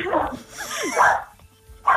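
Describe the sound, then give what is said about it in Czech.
A dog barks in short, sharp bursts, three of them spaced roughly a second apart, fairly loud, with a lower muffled sound between the first two. “teda vy tam máte, teda zvěřinec, Robina, psa”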